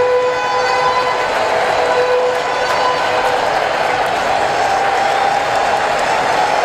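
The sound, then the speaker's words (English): A baseball stadium crowd cheers behind Braves pitcher Sale in a steady, loud roar that holds for several seconds, with a few high whistles cutting through the noise. No one speaks over it. “Crowd coming alive behind Sale.”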